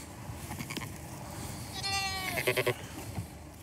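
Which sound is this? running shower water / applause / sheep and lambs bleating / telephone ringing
sheep and lambs bleating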